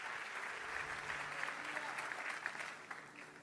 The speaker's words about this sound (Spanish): Denle un fuerte aplauso al Señor y puede tomar su asiento.